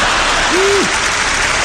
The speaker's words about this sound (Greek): Μου μένουν ακόμα 2 λεπτά περίπου από τον προκαθορισμένο χρόνο του προγράμματός μου και συνήθως τον χρόνο αυτό τον αφήνω στο κοινό για χειροκρότημα.